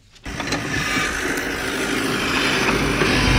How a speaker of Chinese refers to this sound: 在855农场的大豆田里，大马力拖拉机正牵引着齐吹式施肥播种机紧张作业。